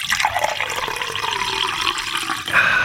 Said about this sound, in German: Über das saubere und leckere Wasser, das aus meinem Wasserhahn kommt.